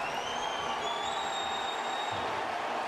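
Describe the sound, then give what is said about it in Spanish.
A large stadium crowd in Portland applauds in a steady, dense roar of clapping that holds at an even level throughout, with a few thin high whistles threading over it, as Portland Timbers player Diego Valeri comes on as a substitute for Van Rankin around the 88th minute of a soccer match. “Y escuchen este aplauso para Diego Valeri.”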